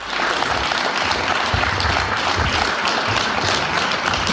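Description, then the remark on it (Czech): Loud, sustained applause from a large crowd at the railway depot in Turnov, welcoming a guest from the quiz show Na lovu on a railway wagon platform. A dense wash of clapping that stays steady for the whole stretch with no pauses or voices standing out. “V Turnovském depu ho přivítal velký potlesk.”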